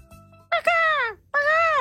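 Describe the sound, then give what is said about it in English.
A human voice imitates a seagull as a sound effect for a beach-related story, with two loud, drawn-out squawking cries, each sliding downward in pitch, separated by a short pause. “And practice up your seagull sounds, all right?”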